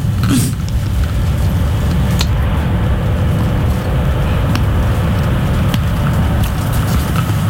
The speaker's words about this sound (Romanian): E plin de salvări, pompieri, zmurduri. Uite, sunt două autospeciale zmur care vin pe lângă noi. Ne dau târcoale.